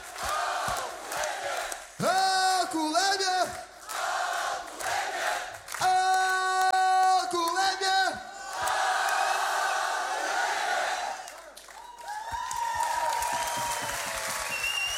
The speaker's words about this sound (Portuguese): Grande salva de palmas. E um grande obrigado.